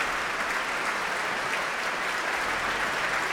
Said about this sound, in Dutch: En hier klinkt het applaus voor Klaus Mäkelä. En hij is op weg naar zijn plek voor het Concertgebouw Orkest.